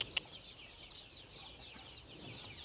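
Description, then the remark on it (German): Faint chicken clucking in a coop, soft repeated calls murmuring over a quiet outdoor hiss, with one brief sharp tap near the start and no one speaking. “Eine Henne hätte jetzt schon entdeckt, dass man unten durchschlüpfen kann.”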